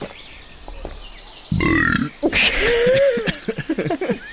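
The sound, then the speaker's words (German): A loud human burp rumbles for about half a second, breaking a quiet stretch; a voice follows right after it, with short vocal bursts continuing to the end. “Hast du eigentlich schon mal andere Tiere rülpsen gehört?”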